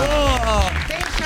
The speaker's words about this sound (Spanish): señoras, señores, fuerte el aplauso